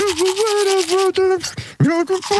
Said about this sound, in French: Bon, on va réécouter le jeu, l'extrait de la brosse à dents pour ceux et celles qui n'étaient pas là.